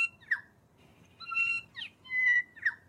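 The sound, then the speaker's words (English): A New Zealand bellbird (korimako) calls alone, mixing clear ringing whistled notes with short sharp squeaky chirps in an uneven phrase, moderately loud over faint background hiss. “If it sounds like a rusty swing, it's a bell bird, korimako.”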